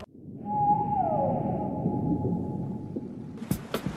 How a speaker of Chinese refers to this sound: 哨声响起，这群水中精灵探出脑袋，自在地徜徉在茫茫大海，人与山海相拥相守。